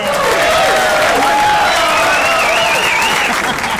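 A dense, steady burst of audience applause on the TV Fan Plus radio and television program fills the whole few seconds, loud and continuous, with some wavering cheers or whistles riding over the clapping.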